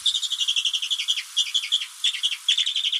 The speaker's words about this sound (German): Der größte Vogel der Alpen mit einer sehr harmlosen Stimme. Vor diesem Vogel, vor dem Bartgeier, haben sich die Leute früher gefürchtet.